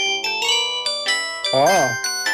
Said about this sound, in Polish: Ładny. Albo na przykład tak. Ale to są chyba dzwonki z biblioteki telefonu